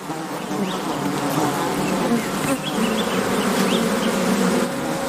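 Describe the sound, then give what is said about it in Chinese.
A dense, steady drone of many honeybees buzzing, bees that are prey of the crested honey buzzard, continuous and fairly loud throughout, with faint higher chirps flickering in the background and no voices. “它们生来就善于捕捉危险的猎物，不仅捕食胡蜂，蜜蜂也是目标之一。”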